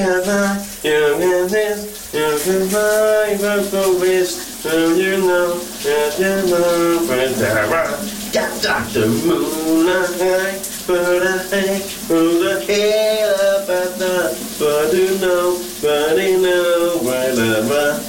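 A man sings loudly and continuously in a morning shower in a bathroom, over a steady hiss of running shower water that fills the background throughout.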